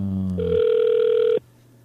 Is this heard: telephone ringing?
yes